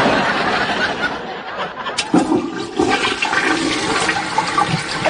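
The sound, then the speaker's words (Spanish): A chain-pull toilet flushes with a loud, steady rush of water from the tank swirling into the bowl, followed by the hiss and gurgle of the tank refilling, for several seconds. “El agua sale del tanque y va a la taza.”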